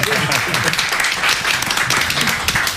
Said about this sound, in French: C'est une émission qui est dédiée, mais vraiment au DJ, présentée par un DJ. Bah ouais, on applaudit pour le DJ.